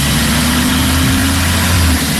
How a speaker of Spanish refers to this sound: Está pisando. Sí, fuerte, ¿eh? Este... No estoy pisando precisamente yo, pero sí, es un coche. Es un coche, pero esto no es un coche eléctrico. Seguro. No es precisamente silencioso, ni es un coche de los de ahora, ni de hace 10 años, ni de 20.